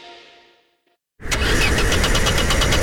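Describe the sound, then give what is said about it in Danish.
A car engine cranks loudly and repeatedly with a rhythmic churning, struggling to start after a brief fading tone and a moment of silence. “Efteråret og vinteren kan være hård ved bilen.”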